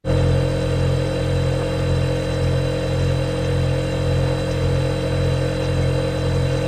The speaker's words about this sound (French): Et aujourd'hui, on va même vous parler du réfrigérateur américain ou frigo américain. Vous savez, le réfrigérateur américain, c'est énorme. D'un côté, vous avez un frigo. À côté, vous avez un gros congélateur.